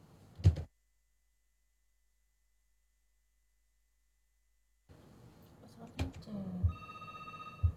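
After a brief knock and several seconds of silence, an outgoing phone call's ringing tone sounds over the line, steady and moderately loud, with faint background murmur and clicks, as an RRI radio broadcast tries to call the Ustadz back.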